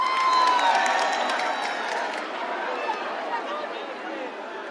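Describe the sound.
At the 105 Summer Festival, a crowd cheers and applauds a singer arriving on stage, a dense, steady wash of clapping and shouting voices, loudest at the start and tapering slightly while staying strong throughout.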